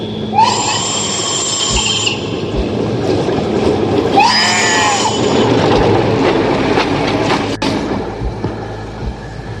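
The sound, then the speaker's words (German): A high-speed ICE train roars past with a loud, steady rumble as it runs over a sheep, broken by two shrill, wavering squeals, one near the start and another midway through. “Wenigstens hat der ICE da drüben gerade das Schaf überfahren.”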